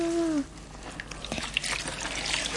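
Water trickling and lightly splashing in a bathtub set up between two washing lines and screened by hung blankets, as dirt is rinsed from between someone's toes; a soft, steady wash with a few sharper splashes, opened by a brief high-pitched squeak.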